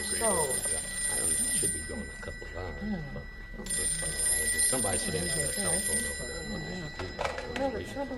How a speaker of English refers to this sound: Oh, phone. Just a minute, I'll be right back.